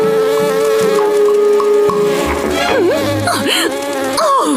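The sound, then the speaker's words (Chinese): Loud, continuous buzzing of flies in Africa, the drone holding steady and then swooping up and down in pitch as they dart around, with a low tonal bed underneath. “你们这些苍蝇嗡嗡嗡的吵个没完，我还怎么睡美容觉啊？”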